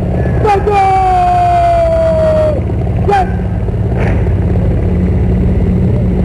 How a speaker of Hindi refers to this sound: और इस समय आकाश आकाश में जो स्वर हमें सुनाई दे रहे हैं, ध्वनि सुनाई दे रही है, वो उन हेलीकॉप्टर्स की है जो पुष्प वर्षा करते हुए लाल किले के प्राचीर के ऊपर से गुजर रहे हैं और लोगों की निगाह उसी आसमान की तरफ है।